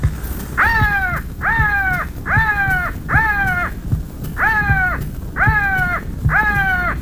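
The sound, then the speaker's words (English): Seven loud crow caws, an attraction call for crow hunting made by a caller from Minneapolis, Minnesota, come in two quick bursts of four and then three over a low, steady background rumble. “who will give us the best crow calls for good crow hunting. Attraction call.”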